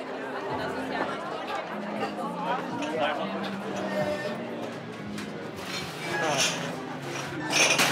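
Glass bottles and glasses clink repeatedly over a busy crowd's chatter at a full beach club, with a few sharper, louder clanks toward the end as bottles are sorted into crates and glasses are collected for washing.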